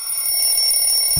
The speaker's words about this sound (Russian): У нас телефонный звонок.